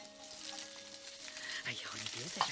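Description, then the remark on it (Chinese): Steady sizzling of food stir-frying in a wok with occasional spatula scrapes and a brief metallic clink near the end, while a voice briefly talks over the cooking. “哎呀，我来，把锅铲给我。 炒菜还要你来？”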